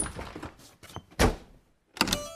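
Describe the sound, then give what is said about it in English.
A door slams shut with a heavy thud, then a short pause before a sharp metallic click and rattle as a lock is turned, with no voices. “They locked the door and the three bears played happily.”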